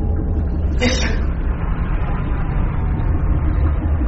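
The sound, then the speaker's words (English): A failing engine rumbles loudly, steadily and roughly, with a brief sputtering hiss near the start, like a struggling motor labouring on. No one speaks. “Sounds like the engine failing.”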